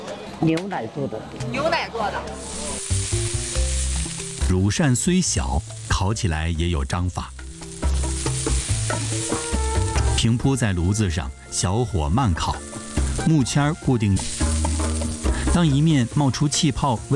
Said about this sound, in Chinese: 牛奶做的，乳扇虽小，烤起来也有章法。平铺在炉子上，小火慢烤，木签固定。